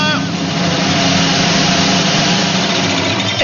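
A sewing machine, used by a grandmother mending a baby's torn T-shirt, runs without pause, its motor giving a steady, fairly loud mechanical whir and hum with a faint rattling texture throughout.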